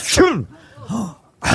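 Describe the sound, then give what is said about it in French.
Someone imitates a woman sitting in a train compartment sneezing, with a sharp, breathy burst and a high voiced cry, then a softer vocal tail, ending in another hissing rush of breath; fairly loud. “Et là, la dame, elle éternue.”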